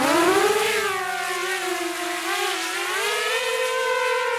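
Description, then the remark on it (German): A drone flying over a hill in eastern Ukraine, about 20 kilometres from the front, whines steadily, a buzzing harmonic tone that climbs in pitch at first, then wavers gently up and down at a moderate, constant loudness with no voices. “Eine Drohne jagt über den Hügel.”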